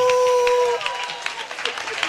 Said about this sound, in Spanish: Un aplauso por las damas.